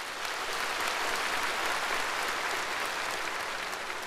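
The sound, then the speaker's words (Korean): A large crowd claps loudly and continuously as General Secretary Xi Jinping finishes a line of his report, a dense, steady roar of many hands filling the whole clip at even intensity, with no voices heard. “습근평 총서기가 이 말을 끝내자 현장에서는 우려와 같은 박수 소리가 터져나왔습니다.”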